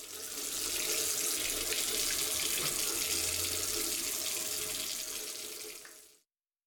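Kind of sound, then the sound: household object, water running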